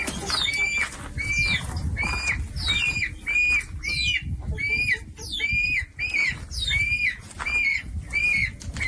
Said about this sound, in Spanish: Pájaros, gallinas, ahora nos dirán.